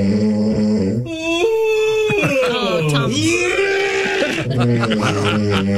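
Loud, throaty snoring from one person and a drawn-out, groaning yawn from another that slides down and back up in pitch, the sounds overlapping into a continuous nasal, bleat-like drone.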